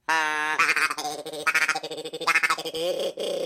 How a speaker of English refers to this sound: It's like a duck calls.